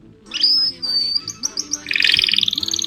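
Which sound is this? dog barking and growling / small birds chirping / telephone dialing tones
small birds chirping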